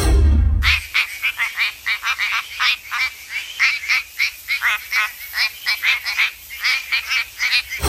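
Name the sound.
quacking frog calling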